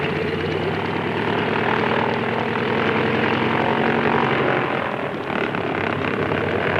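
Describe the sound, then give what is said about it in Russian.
A propeller airplane's engine roars steadily and loudly, a dense droning hum with rhythmic beating, holding constant for several seconds with a brief dip near the end, as the overloaded plane taxis down a waterlogged runway for takeoff with a light tailwind, halfway along and still not airborne. “Он проехал уже до половины взлетной полосы и все еще не поднялся в воздух.”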